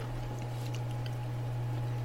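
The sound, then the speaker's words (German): A few quick, faint electronic beeps of a phone number being dialed to reach an event co-organiser, clustered together over a steady low hum, with no one talking. “dann will ich doch mal versuchen, die Melanie Mann, die Mitveranstalterin von Woodstock Forever, am Telefon zu erreichen”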